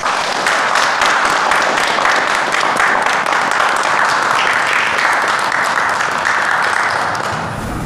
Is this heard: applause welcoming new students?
yes